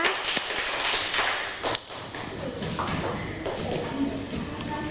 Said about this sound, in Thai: เดี๋ยวเรามาเริ่มกันที่กลุ่มที่1กันเลยนะคะขอเสียงปรบมือให้กับกลุ่มที่1นะคะ